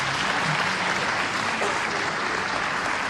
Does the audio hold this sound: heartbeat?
no